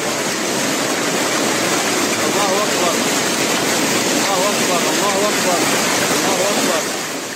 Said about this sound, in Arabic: نعم بالفعل، انتشرت العديد من الفيديوهات التي نقلت هطول الأمطار في سوريا وأيضا اضطراب حركة الموج وكذلك الأوضاع في لبنان. دعنا نستمع كيف عبرت الأصوات عن حالة الطقس في سوريا ولبنان.